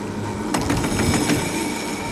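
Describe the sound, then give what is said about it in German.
A 130-year-old tram rumbles along the rails steadily, with a quick run of sharp metallic clacks from wheels passing over track joints in the middle. It is fairly loud, and no one speaks. “Aber nicht zu einem ganz normalen, modernen, sondern zu einem außergewöhnlichen alten Tram.”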